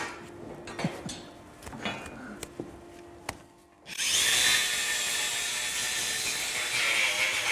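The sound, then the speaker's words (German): A few scattered knocks and clicks, then an angle grinder starts up abruptly and whines loudly and steadily as it trims a cow's hoof, running without pause to the end. “Also für die Kuh ist das, denke ich, relativ egal, ob die jetzt mit der Flex oder mit dem Messer. Aber für das Gehör, die Flex ist ja lauter als das Messer, da könnte ich mir schon vorstellen, oh, sind jetzt ein bisschen, was passiert jetzt?”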